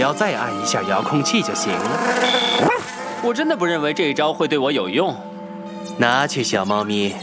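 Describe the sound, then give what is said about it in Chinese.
Odie the dog barks and yips in a rapid, excited string of high-pitched, whining calls that rise and fall in pitch, with a few louder bursts near the end. “我猜事发经过一定是这样：乔恩意外地听到欧弟的叫声而催眠，只是我们当时都没有发现而已。”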